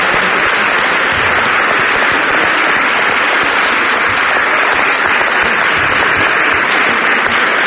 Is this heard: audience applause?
yes